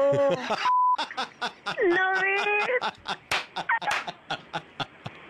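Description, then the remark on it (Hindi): A short, steady electronic censor bleep briefly cuts into a stretch of lively talk on a Radio Mirchi radio show, followed by rapid sharp slapping sounds and animated voices. “ये जो beep beep हो रहा था ये बीप हटा दूं मैं एक बार दिल्ली को सुना दूं?”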